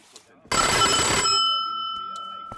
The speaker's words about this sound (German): Türklingel. Was auch sonst.